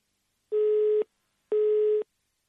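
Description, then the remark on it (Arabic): A telephone busy tone sounds twice, each steady electronic beep lasting about half a second with equal gaps between them, loud and clear with no voices present, heard after a phone call to a guest is dropped. “إذن يبدو أن هناك مشكلة في الاتصال، نعاود الاتصال بضيفنا عبر الهاتف”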